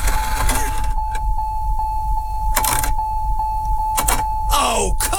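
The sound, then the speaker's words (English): A car engine cranks and struggles to start, its starter whining in rhythmic pulses over a low mechanical rumble, broken by several loud bursts of grinding noise, fairly loud. “If your car is already making that sound, what's it going to do when the temperature really drops?”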